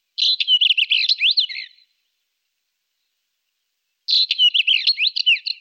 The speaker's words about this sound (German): Mein Vogel der Woche, der sehr hübsche und vor sich hinschmetzende Steinschmetzer.